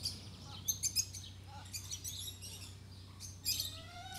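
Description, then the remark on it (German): A hen and her chicks calling as the mother hen attacks someone who came too close and the chicks play dead: thin, high-pitched peeps and chirps in quick bursts, with a short louder flurry near the end, over a steady low hum. “Zu nahe gekommen. Schon greift die Mutter an. Die Küken stellen sich tot.”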